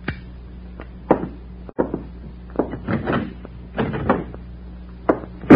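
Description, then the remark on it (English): A door is kicked shut: a series of scuffing knocks and bumps over a low steady hum, ending in a loud slam. “Back inside. Kick that door closed.”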